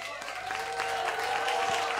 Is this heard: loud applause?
yes